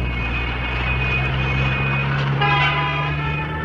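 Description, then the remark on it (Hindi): Goods trucks rumble past at night in heavy traffic on the road to Teesta Bazaar, a steady low engine drone with a continuous hum, joined near the end by a brief horn-like tone amid busy road noise. “इतना रात हो गया लेकिन इतना ट्रैफिक, होल नाइट सब गुड्स ट्रक अलाउ तो तीस्ता बाजार तक रास्ता और भी खाली मिल गए।”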